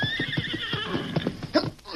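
A horse whinnies with a high, wavering, sustained cry, accompanied by a quick rhythm of clip-clopping hooves and a brief snort near the end.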